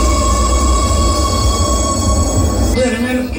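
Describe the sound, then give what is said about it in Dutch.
Metro doors closing inside a train in Oslo: a loud, steady rumble with a high electrical whine, then near the end a shift to warning tones and an indistinct announcement voice over the hum. “De deuren gaan sluiten in de metro in Oslo.”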